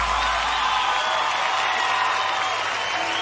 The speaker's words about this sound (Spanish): fuertes aplausos a toda la gente que nos acompaña esta tarde.